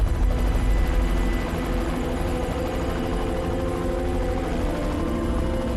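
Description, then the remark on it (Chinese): A formation of aircraft on a confrontation drill flies overhead above the battlefield of the Xinkou Campaign, fought 70 years earlier in the War of Resistance. Their engines make a loud, steady, rumbling roar with a heavy low-end drone that fills the whole recording without letup. No voices are heard. “机群下方就是70年前抗战中忻口战役的战场。”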